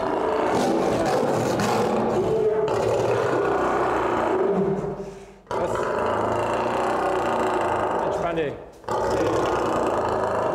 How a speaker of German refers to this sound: Der Zaun ist so gebaut worden, dass sie reinbeißen können, ohne dass es kaputt geht. So wie man sieht hier. Das war ein Löwenmann